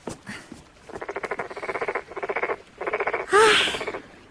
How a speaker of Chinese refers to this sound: 蛤蟆大哥，难怪那王玉烦你呢，还真是有点闹人呐